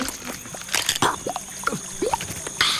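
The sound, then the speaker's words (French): Moist crunching and squelching as a small insectivorous reptile, Hylonomus, about 20 cm long, bites into an insect: a series of short irregular bites and chews with small clicks between them, heard alone with no voices. “Oh, il vient de croquer une bestiole.”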